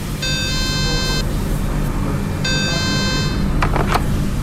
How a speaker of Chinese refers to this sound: 现在我们用这个消防电话给消防控制室打电话，值班人员一直没有接听。好，我们再等一下。